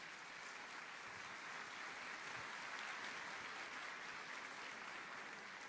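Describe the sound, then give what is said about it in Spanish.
A crowd gives a warm welcoming applause, many hands clapping in a dense, even wash of sound that holds at the same level throughout, with no voices standing out. “Les damos la bienvenida a todos ustedes con este caluroso aplauso de bienvenida.”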